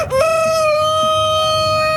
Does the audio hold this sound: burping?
no